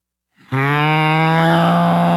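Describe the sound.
A person's voice imitates a cow, holding one long, loud, low moo that starts abruptly after a brief silence and sustains steadily to the end.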